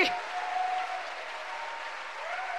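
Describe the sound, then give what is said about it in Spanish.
An audience at a church service breaks into sustained, even applause for the majesty of God, a dense wash of clapping that holds steady for a few seconds with a faint held tone briefly underneath at the start. “¿Cuánto le dan un aplauso a la majestad de Dios?”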